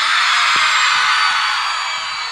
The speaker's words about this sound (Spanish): Solo quiero escuchar el grito de las atorrantas presente aquí. ¿Se vinieron las atorrantas hoy o no? El grito de las atorrantas, dije, arriba.